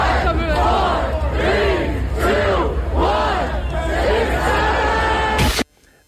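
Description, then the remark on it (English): A large crowd of adults at a big meet-up in Washington Square Park chants "6-7" in unison, loud rising-and-falling shouts repeating in a steady rhythm over a constant roar of voices, ending abruptly. “A crowd of people gathered to say 6-7.”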